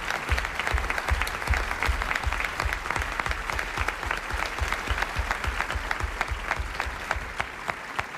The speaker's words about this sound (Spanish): Gracias. Gracias a todos por este aplauso